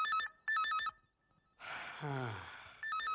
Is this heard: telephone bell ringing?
yes